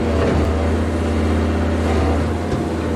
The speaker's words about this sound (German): Mit schweren Baggern werden Bäume aus dem Moorgebiet entfernt, um Platz zu schaffen für das ganz große Ziel. Die Wiederbelebung des nahezu zerstörten Moores.